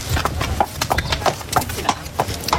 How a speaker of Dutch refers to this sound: Hoefslagen, ruiters en paarden zover je kijkt. 3 dagen lang is Nieuw- en Sint-Joosland de ontmoetingsplaats voor de dressuursport.